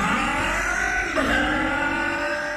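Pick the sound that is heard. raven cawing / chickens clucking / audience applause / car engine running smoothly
car engine running smoothly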